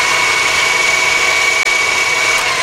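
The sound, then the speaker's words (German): An electric blender whirs steadily at full power, blending a green smoothie of water, lettuce, spinach and cucumber: a loud, even motor drone with a bright high-pitched whine and one brief dip in the middle. “Dann alles im Mixer.”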